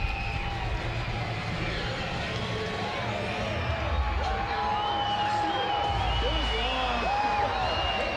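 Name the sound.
ballpark crowd cheering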